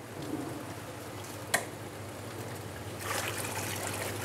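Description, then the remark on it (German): Water splashing and trickling steadily as it is poured slowly into a fish tank in an aquarium's quarantine rooms, with a sharp clatter around the midpoint and a louder, brighter rush of pouring toward the end; no voices. “Langsam das Wasser reinkippen, sonst läuft das Becken über.”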